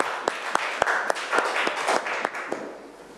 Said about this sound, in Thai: เก่งมากปรบมือให้กลุ่มนี้ครั้งค่ะ